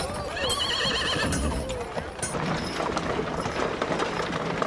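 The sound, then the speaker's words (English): A horse and buggy heads down Main Street: the horse whinnies with a rising, wavering cry near the start while hooves clip-clop steadily and the buggy wheels creak and rattle, fairly loud amid busy street noise. “Headed down Main Street in the horse and buggy,”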